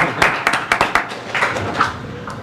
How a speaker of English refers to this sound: Now you guys can clap for him. You're allowed to do that.